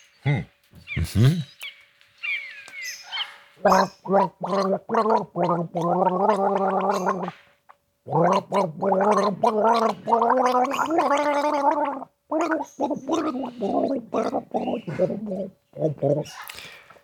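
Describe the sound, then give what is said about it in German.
Someone gargles the melody of an old song for listeners to guess in a Radio Wien game show, the bubbling throat sound rising and falling in pitch to follow the melody across several phrases with brief pauses, with a few short chirpy noises near the start. “Indem du jetzt brav gurgelst und alle dürfen mitraten, welches Lied es denn ist.”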